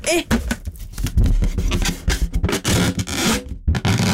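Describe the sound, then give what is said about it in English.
A blown-up rubber balloon is rubbed against a microphone for an ASMR-style sound, making loud, irregular bursts of squeaky, scratchy friction, with a few brief rubbery squeals near the start. “Can you do that ASMR thing or whatever it is, where you rub a balloon against the mic or something?”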